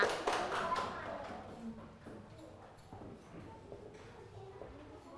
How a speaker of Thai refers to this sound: กลุ่มที่พร้อมแล้วกลุ่มต่อไปกลุ่มที่3ค่ะมาเลยค่ะปรบมือให้กลุ่มที่3ค่ะ